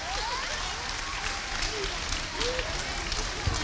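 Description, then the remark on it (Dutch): A group, the winners of a quiz's knowledge ranking, cheers and shouts hooray with excited voices over a dense, steady roar of clapping and crowd noise that keeps up without a break. “Dus dat geeft wel lekker veel kabouw als ze hoera roepen, zo gezegd.”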